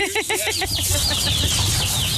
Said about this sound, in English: What did I see? Baby chickens.